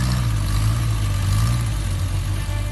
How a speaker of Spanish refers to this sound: hay coches que hicieron historia. Y el próximo 18 de octubre volverán a rugir en Tarancón.